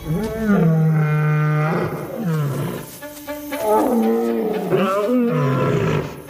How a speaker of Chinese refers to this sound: 一切准备就绪，狮群成员纷纷发出吼叫声，这似乎是捕猎行动开始的信号。